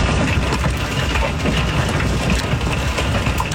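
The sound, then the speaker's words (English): A hailstorm in parts of Colorado pounds down in a dense, unbroken roar, countless hard impacts blending into loud, steady noise with sharper cracks poking through now and then. No voices are heard. “Well, hail hit communities across parts of Colorado yesterday. That sound came from Chenecia Thompson.”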